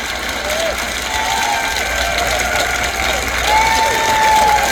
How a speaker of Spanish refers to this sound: A este grupo le gustó y aplaudieron.